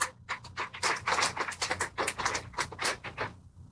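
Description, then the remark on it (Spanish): A crowd applauds at the inauguration of a house, with dense, steady clapping that holds a lively, crackling texture for several seconds, then cuts off abruptly. No voices are heard. “Los aplausos.”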